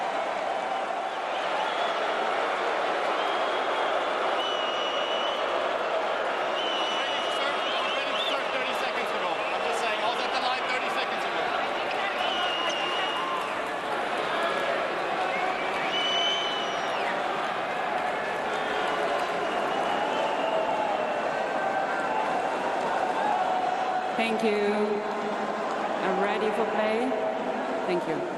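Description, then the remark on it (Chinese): A restless tennis crowd at a match involving Zverev keeps up a constant, loud murmur of overlapping voices and chatter, with scattered calls rising above the steady din for the whole stretch. “这个有的时候要看什么时候开始计时，如果观众一直吵闹，这个也不怨小兹列夫啊，所以小兹列夫刚才也去跟主裁判申诉了一下。”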